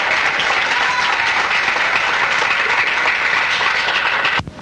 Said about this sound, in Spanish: Fuerte aplauso a Cristo, hermanos. Gloria a Dios.